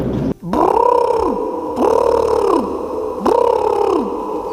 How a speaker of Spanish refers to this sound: El animal parece un pavo real. ¿Puede ser un pavo? ¿Y el sonido podría ser un pavo real?